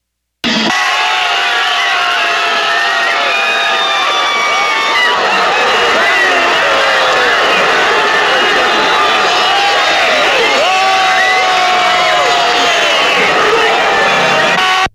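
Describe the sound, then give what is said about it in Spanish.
A large crowd of fans shouts and cheers without pause during a football match between Mexico and Ecuador, a dense, loud roar of many voices rising and falling, with scattered individual yells standing out above the din. “Comienza el partido, los gritos, los nervios que no pudieron faltar y la hora de los goles.”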